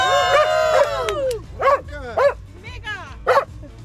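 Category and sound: animal, dog barking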